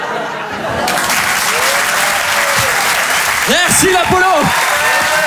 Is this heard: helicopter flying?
no